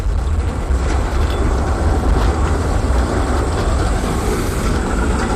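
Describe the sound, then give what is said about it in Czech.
A Škoda 15T low-floor tram rolls along its rails with a steady, loud rumble and faint metallic rattle, continuous throughout with no pauses and no one talking. “Moje dítě, tramvaj Škoda 15T a celoživotní potěšení”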